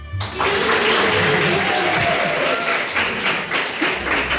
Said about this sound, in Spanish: Fíjense, les he dicho, cuando os guste algo, vosotros os aplaudís. Cuando os guste algo, ¿os está gustando?